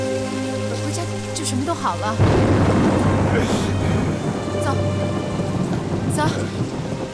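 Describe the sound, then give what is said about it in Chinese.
Heavy rain suddenly swells into a dense, steady roar after a couple of seconds of sustained tones, pouring continuously, with brief higher sounds flickering through it. “阿妈，可能是因为下雨停电了吧？”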